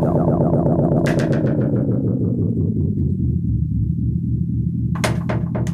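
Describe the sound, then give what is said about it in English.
Loud dub-style music with heavy echo effects: a deep, sweeping bass tone slides downward while sharp hits repeat and fade in delayed trails, no voices. “So these are the crazy dubs. Always dub it. With life take echoes”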